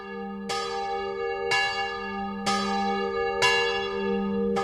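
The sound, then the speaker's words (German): A large bell, the last alarm bell in Switzerland, on the Munot in Schaffhausen, rung by hand rather than automatically, tolls in a steady rhythm, four strikes about a second apart, each one ringing out with a rich, sustained hum that overlaps the next. No voices are heard. “Die letzte Alarmglocke der Schweiz gibt es immer noch, und zwar auf dem Munot Schaffhausen.”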